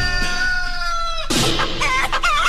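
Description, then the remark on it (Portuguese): A rooster lets out a long, loud crow, then a burst of busy chicken clucking and squawking follows, lively with no one talking, at the opening of the morning show Show da Manhã. “As galinhas, o galo cantando?”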